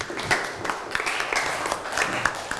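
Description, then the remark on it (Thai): A group of students in a classroom claps together for a classmate who has just presented for their group, in steady, dense applause, many overlapping hand claps forming a continuous crackling patter with a few sharper claps standing out, moderately loud, with no voices. “ปรบมือให้เพื่อนนะครับ”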